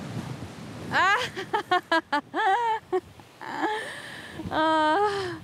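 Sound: wind and rain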